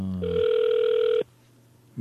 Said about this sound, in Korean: 일반전으로 지금 전화 갑니다. 받으시면 됩니다. 전화 안 받으시네요. 안 받으시네요.